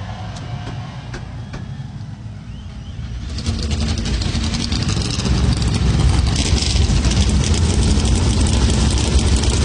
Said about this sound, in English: Darlington Raceway. Here to fire engines with the most famous words in motorsports. Please welcome current and two-time NASCAR U Series champion and professional shake tester, …. God bless American drivers. Start your engines.